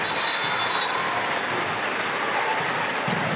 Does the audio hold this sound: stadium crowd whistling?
yes